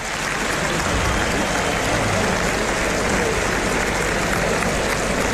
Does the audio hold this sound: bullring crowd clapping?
yes